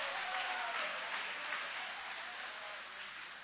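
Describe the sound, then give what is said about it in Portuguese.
An audience applauds God in praise, a steady, dense, even wash of many hands clapping at once that holds level throughout with no voices standing out. “Pode aplaudir a Ele, pode louvar, pode exaltar.”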